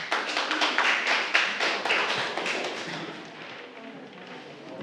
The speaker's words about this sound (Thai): อ่ะเก่งมากปรบมือให้กลุ่ม2ค่ะ